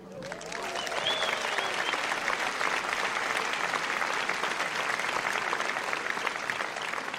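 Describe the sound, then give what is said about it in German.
Steady audience applause at a German All-Star Big Band performance, a dense wash of many hands clapping that swells in within the first half-second and holds at an even, fairly loud level throughout, with some faint crowd murmur mixed in. “Und wenn Sie dazu klatschen, fühlt es sich für die Band, glaube ich, noch viel toller an.”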